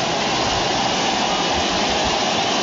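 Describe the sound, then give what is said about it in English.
A baseball stadium crowd at Dodger Stadium roars loudly and steadily, a dense unbroken wash of noise that holds the same level throughout, with no distinct voices or cheers standing out. “Crowd making a lot of noise again here at Dodger Stadium.”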